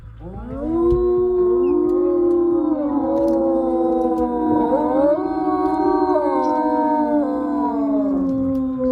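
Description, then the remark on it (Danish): A chorus of wolves in Denmark howls together, several long, overlapping wails sliding up and down in pitch, loud and sustained for the whole stretch with no one talking. “I dag, der er vi jo ude i Ulveland, og det handler jo altså om lyden, og for nogen også frygten for dem her.”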